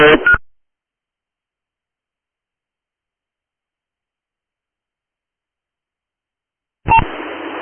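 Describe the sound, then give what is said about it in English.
Short bursts of electronic alert tones over a radio channel, one at the start and another after a long stretch of silence, thin and band-limited with a hiss of static behind them. “Last unit, you were covered by tones, repeat.”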